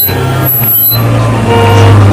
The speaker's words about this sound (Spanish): Necesitaba escuchar esa realidad que genera escuchar la ciudad, sus coches.